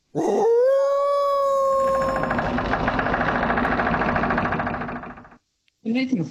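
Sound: wolf howling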